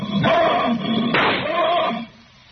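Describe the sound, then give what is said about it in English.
A single sharp rifle shot, fired point-blank at a lion, cracks out loudly in the middle, surrounded by strained, droning vocal sounds that fade away near the end. “Come with a rifle. My hands are shaking. Careful with the sights. It's a point-blank shot.”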